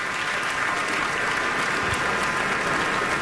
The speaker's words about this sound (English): Audience still on their feet, clapping. What looks like to be a sold-out performance here at Town Hall Seattle.